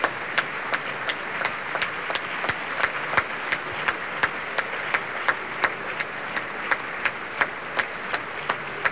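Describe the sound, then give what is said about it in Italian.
Warm, sustained applause from the Costanzi opera audience as Ciro Visco brings the chorus onto the proscenium, a dense wash of clapping with steady rhythmic accents running through it, holding at an even level throughout with no voices. “Ciro Visco li porta in prosceno a prendere gli applausi, devo dire piuttosto calorosi, del pubblico del Costanzi.”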